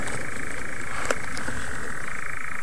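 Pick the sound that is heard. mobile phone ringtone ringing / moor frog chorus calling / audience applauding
moor frog chorus calling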